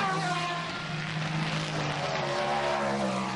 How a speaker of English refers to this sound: And here comes the hordes of prototypes as well. Down at the start-finish line.